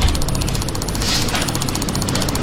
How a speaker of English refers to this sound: But that's him clicking on his mouse 760 times in 1 minute.